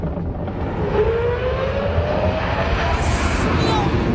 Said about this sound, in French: Voilà, je vous rappelle que c'est pas un avion, hein, c'est un grand 8. C'est spectaculaire, c'est indécent pour du divertissement